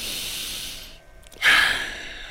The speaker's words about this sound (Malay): Bernafas secara dalam.